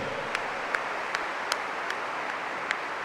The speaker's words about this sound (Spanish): Amén, aleluya. A ver, un aplauso para Cristo Jesús.